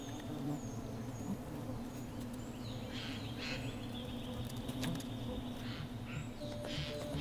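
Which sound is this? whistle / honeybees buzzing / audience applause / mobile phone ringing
honeybees buzzing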